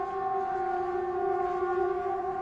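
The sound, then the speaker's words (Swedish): A steady Swedish public warning siren, the 'Important message to the public' signal, wails at a constant pitch, its sustained tone holding unbroken and loud throughout, with no voices present. The signal means stay indoors, close windows, doors and ventilation, and listen to Sveriges Radio P4. “Håll dig inomhus, stäng fönster och dörrar och ventilation och lyssna på Sveriges Radio P4. Det är vad signalen betyder.”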